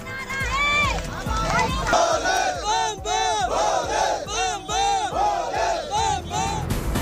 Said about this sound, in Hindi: दिव्य अमरनाथ यात्रा के लिए जम्मू में बड़ी तादाद में जुटने लगे श्रद्धालु, बम बम भोले के जयकारों की गूंज।